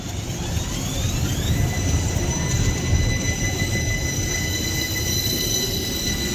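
A tram runs along its rails with a steady, loud low rumble, overlaid by sustained high whining tones from the wheels and motor, continuous throughout with no voices.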